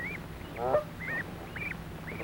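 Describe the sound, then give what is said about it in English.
Domestic geese on a farm honking in a green meadow as goslings graze, a string of short, rising-and-falling calls repeating about every half second, with one lower, rougher honk early on over a steady low background hum. “Father Gander and Mother Goose watch as the goslings have their dinner.”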